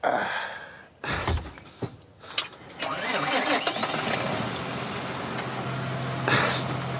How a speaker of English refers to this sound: Right, so I start the engine? Yep.